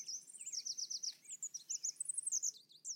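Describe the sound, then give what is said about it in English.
A red warbler sings on a clear, sunny morning, a rapid, continuous stream of high, bright chirps and trills with fast repeated notes, steady and clear over a faint low background hum, with no voices. “During the breeding season, between February and May, they happily sing on sunny mornings.”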